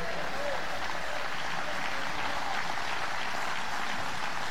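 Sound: audience clapping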